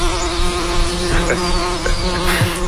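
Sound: bees buzzing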